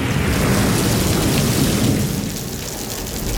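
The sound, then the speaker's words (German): Steady, heavy rain pours down on a Wednesday afternoon alongside a deep, continuous rumble of thunder, filling the whole stretch at a loud, even level with no voices present. “Und aber morgen, wenn dann der Regen wieder abgeklungen ist, tönt es dann wieder so.”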